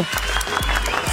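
A short burst of steady crowd applause, dense and fairly loud throughout, with a few low thumps pulsing underneath the clapping.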